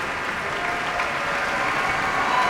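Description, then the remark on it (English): Sustained, dense applause from a large concert audience at Symphony Hall for the musicians of the Boston Symphony as they enter the stage together, a steady wash of many hands clapping at a constant moderate level with no voices standing out. “And you can hear the audience's applause for them, enthusiastic applause for the musicians of the Boston Symphony.”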